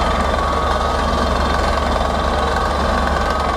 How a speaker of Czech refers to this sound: Horské ticho v posledních dnech ruší hrachot vrtné plošiny. Vrtači se musí dostat hluboko pod povrch.